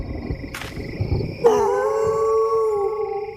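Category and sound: animal, wolves howling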